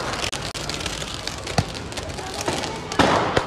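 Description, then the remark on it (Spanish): Fireworks are fired at passersby in a dense, crackling barrage, with several sharp bangs standing out over a constant hissing roar, fairly loud throughout. “Los afectados corrían para refugiarse de los desalmados que disparaban fuegos artificiales a todo el que pasara.”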